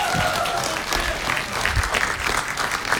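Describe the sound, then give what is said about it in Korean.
A crowd claps steadily for a few seconds, dense overlapping applause at an even level with no one speaking over it. “박수 박수 박수”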